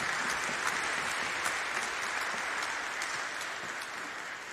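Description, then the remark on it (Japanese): Steady applause from an audience thanking a presenter of disaster-prevention message goods, a dense wash of many hands clapping at an even level with no voices over it. “拍手をお願いいたします。”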